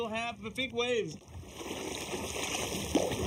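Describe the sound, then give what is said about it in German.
A voice speaks briefly, then a large wave surges against a kayak in a loud, broad rush of water, with one sharp splash slapping near the end, on shallow sea water beside a buoy as a large ferry, the Aerofähre, passes. “Achtung, gleich kommt eine große Welle.”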